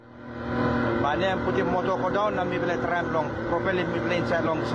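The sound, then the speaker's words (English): A boat engine drones steadily, its pitch wavering as the boat struggles to push through a dense layer of pumice rock floating on the sea at Baon village on Low Island, Manus province, Papua New Guinea, with muffled voices in the background. “At Baon village on Low Island in Manus province, a boat struggles to push through a dense layer of pumice rock floating on the surface of the sea.”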